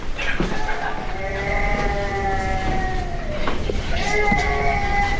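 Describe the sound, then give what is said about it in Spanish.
A baby who has just woken up cries over a baby monitor, steadily in long, wavering, high-pitched wails, with brief catches for breath between them. The crying is fairly loud and continuous, with no talking over it. “Sí, está llorando, está efectivamente. Llorando. Se ha despertado.”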